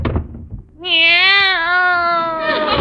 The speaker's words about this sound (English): Meow.